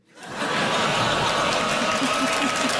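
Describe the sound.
Applause from an audience swells up within half a second and holds steady as a dense, continuous patter of clapping, with a few faint voices and murmurs mixed into the crowd noise.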